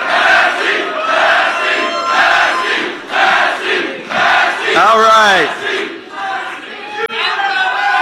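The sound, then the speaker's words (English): A large crowd at Thomas Massie's concession speech chants and yells his name loudly in rhythmic bursts of roaring voices; one voice briefly speaks over the din midway. “That's the last time he's going to hear a crowd like that yelling his name.”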